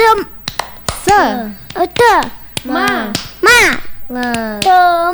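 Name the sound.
children's rhythmic clapping chant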